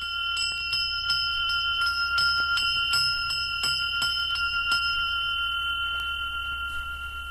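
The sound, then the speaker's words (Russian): A small Valdai-type harness bell of the "Dar Valdaya" (Gift of Valdai) type rings, its clapper striking in quick, uneven rhythm over a bright sustained tone, then stopping and letting the shimmering ring fade out. No voices. “Вот колокольчик типа «Дар Валдая».”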